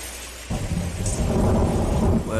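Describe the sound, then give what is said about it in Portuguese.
After a brief quieter moment, loud, steady rain starts up, a dense hiss with a deep rumbling undertone that continues without a break. “Parece que tá caindo água, ó.”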